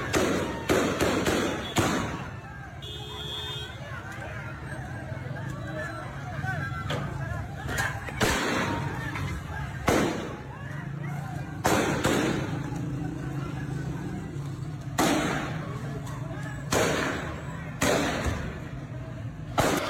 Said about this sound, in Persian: برخی شاهدان عینی به افغانستان انترنشنال گفتند نیروهای طالبان این اعتراضات را با خشونت سرکوب کردند. در ویدیوهای رسیده از محل تجمع معترضان صدای تیراندازی نیروهای طالبان شنیده میشد.